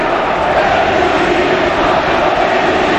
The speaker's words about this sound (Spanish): Ovación a Erika, a la mujer de Antoine, pues, la que, como se viene en el documental, le convencía para, ¿sí?, que se quedara.